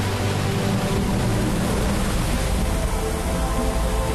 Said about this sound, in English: June marks rainy season in southwest Guangxi's Zhongzuo, and water levels rise sharply. The Detian waterfall, crossing the China-Vietnam border, is now at its most impressive.